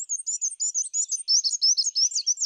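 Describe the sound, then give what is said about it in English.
A black-and-white warbler sings a thin, very high-pitched song of rapid two-note phrases repeated steadily without pause, clear with no voices or other sounds. “You can help black and white warblers by turning off outdoor lights and shading your windows at night, especially during migration season.”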